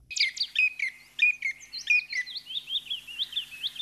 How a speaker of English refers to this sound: But by whatever name and whatever habits, the chipping sparrow will always be to me, and I'm sorry, I can't be objective here, a friendly bird.